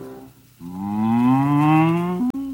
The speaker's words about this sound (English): This is the cow with the crumpled horn that tossed the dog that worried the cat that killed the rat that ate the malt.